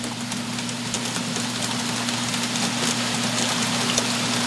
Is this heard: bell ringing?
no